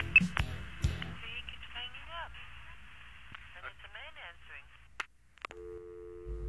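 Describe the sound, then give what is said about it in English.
A steady, continuous telephone dial tone hums on its own near the end, after the called party hangs up on a call from the United States, coming after clicks and a stretch of warbling, distorted phone-line sound, like a voice heard over a bad connection. “Dial tones. I remember those.”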